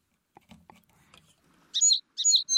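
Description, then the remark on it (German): Sparrows chirp in two quick, bright bursts of busy twittering, fairly loud, after a moment of faint clicks and soft rustling. “Ach, jetzt sind meine Spatzen irgendwie weg.”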